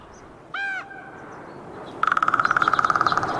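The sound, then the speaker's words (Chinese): A crow gives a single short, nasal caw, followed by a fast, steady rattling run of pulsed calls lasting over a second, with no talking. “突然，一阵熟悉的叫声传入他的耳中。原来是老邻居杜鸦，他们仿佛无处不在，总是吵闹不停。”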